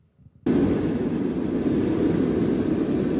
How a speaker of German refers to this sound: Und plötzlich ist es richtig laut im Flugzeug. Der Druck in der Kabine fällt ab, deshalb die Sauerstoffmasken.